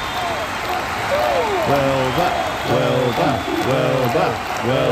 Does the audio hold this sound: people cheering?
yes